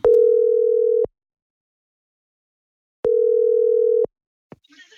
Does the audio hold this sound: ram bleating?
no